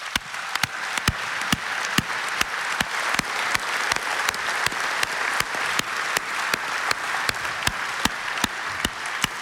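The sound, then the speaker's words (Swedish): A large audience at an evening event applauds the volunteers steadily and warmly, a dense wash of clapping that holds at an even level throughout, with sharp, regular claps cutting through in a steady beat. No one speaks. “Jag skulle bara önska att vi här ikväll ger alla dessa volontärer en varm applåd.”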